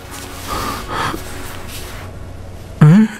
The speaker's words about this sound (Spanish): Él solo está roncando en este momento.